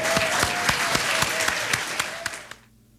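An audience breaks into a dense burst of clapping, loud and sustained, with sharper individual claps standing out, before it quickly dies away into near silence at the end.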